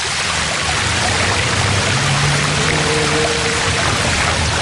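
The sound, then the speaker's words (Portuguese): A small stream below flows steadily over stones, a continuous rushing and trickling of water with no voices, and a faint low hum sitting underneath. “A minha mãe ia lavar a roupa, este ribeirito aqui, embaixo, tinha umas pedras, serabentas, e a minha mãe ia para ali lavar”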